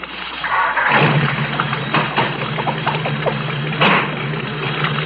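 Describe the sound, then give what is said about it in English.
A car engine turns over and catches after a brief low hum, then settles into a steady, fairly loud idle rumble with a constant low drone and some rattling texture. “Start the car.”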